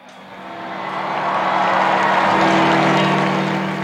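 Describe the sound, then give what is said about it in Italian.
A large crowd in Saint Peter's Square roars and cheers as the Pope appears, the broad wash of voices and applause swelling louder over a few seconds and then holding steady, with a low steady hum underneath and no clear speech. “E stiamo sentendo in sottofondo la folla di Piazza San Pietro che ecco, il Papa si è affacciato.”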